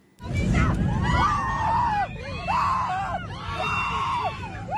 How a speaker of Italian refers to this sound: Le grida provenienti dalla cabina di pilotaggio e a bordo del volo Fly Dubai diretto a Tel Aviv scoppia il terrore tra i circa 170 passeggeri. Una colluttazione, il copilota avrebbe accoltellato il comandante.